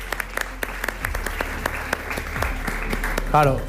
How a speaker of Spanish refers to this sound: Venga, vale. Un aplauso.